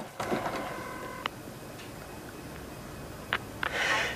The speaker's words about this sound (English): He punches a number into the phone.